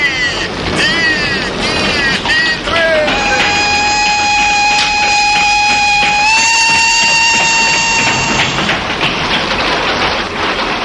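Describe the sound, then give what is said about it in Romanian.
A train rolls along steadily with a loud, continuous rushing clatter, and a sustained high whistling tone rings out over the noise for several seconds midway through. “Ce tren politicos.”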